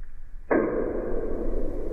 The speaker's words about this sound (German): Er wird nur 3 bis 6 Zentimeter groß, ist aber das lauteste Tier der Welt. Der Knallkrebs erzeugt einen Knall mit einer Lautstärke von bis zu 200 Dezibel unter Wasser. Das ist sogar lauter als ein Flugzeug.